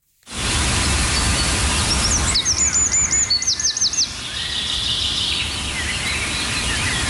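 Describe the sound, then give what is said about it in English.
A songbird sings a quick run of repeated bright, rising notes, followed by softer warbling, over a steady outdoor hiss. No voices are heard. “You know, you can spend even the smallest amount of time outdoors and you will hear the sweet, gentle sounds of bird calls.”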